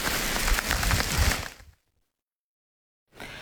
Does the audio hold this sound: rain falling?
yes